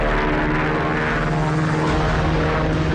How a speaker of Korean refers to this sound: 잠시 후에 전투기 두 대가 날아오더니 부대가 은폐한 상공에서 빙빙 돌았다. 세게. 드디어 전투기들은 골짜기 상공으로 날아왔다.